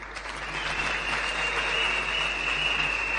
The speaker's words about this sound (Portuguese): Senhores presidentes dos conselhos de administração aqui presentes, das empresas públicas e privadas, senhores antigos presidentes dos conselhos nacional da juventude, que eu queria para poderem se levantar, é uma grande salva de palmas.